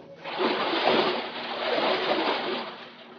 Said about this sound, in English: I held her a moment longer than was necessary, and then dropped her into the water.